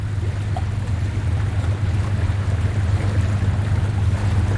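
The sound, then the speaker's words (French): A small motorboat heading up the Rio Negro river drones steadily with a low engine hum, water rushing and wind buffeting the microphone throughout. No one speaks. “C'est formidable, on va partir avec notre petit bateau maintenant, remonter le Rio Negro jusqu'où?”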